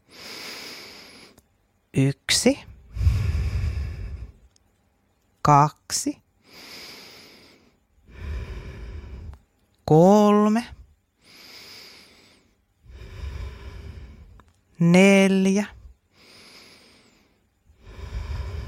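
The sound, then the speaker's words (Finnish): Five slow, deep breaths drawn in and let out during a guided breathing exercise, several airy cycles separated by short pauses, with a couple of exhales turning into soft voiced sighs. “Otetaan vielä yhdessä 5 hyvää hengitystä ja sitten voi avata silmät.”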